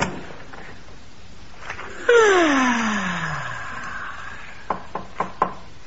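A long, drawn-out descending creak or groan fades away, then four crisp knocks land on a door in quick succession, fairly loud, with no one speaking.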